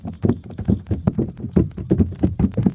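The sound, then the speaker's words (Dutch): Heavy, rhythmic thuds of feet stomping, by the mayor among others, during a Radio West Nederland broadcast, coming in quick, steady beats several times per second, with a loud, dull low-end punch to each hit. “Allemaal een beetje te stampen hier.”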